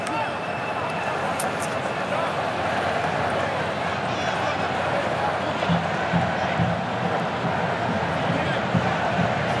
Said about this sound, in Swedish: Ja, här kommer första hörnan. Några applåder från de röda utav portrarna som är på plats.